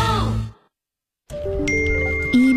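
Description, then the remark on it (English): After a brief breathy sound and a second of silence, several electronic phone notification dings stack up and overlap, sustaining clear, bright tones that grow slightly louder toward the end. “Notifications, the never-ending to-do list.”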